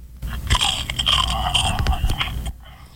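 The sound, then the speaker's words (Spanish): One of five noisy monsters loudly crunching a cookie: a few seconds of dense, crackly bites and chewing with sharp crisp snaps, then silence. No one speaks. “A los 5 monstruos ruidosos les dio la premonición que a uno de entre sus filas le había dado por una galleta mascar.”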